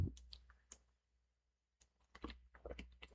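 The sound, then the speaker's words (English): Someone sips a drink, with a brief pause between bursts of small wet clicks and lip or cup noises. No one speaks. “Hang on a second. I'm going to sip my drink here.”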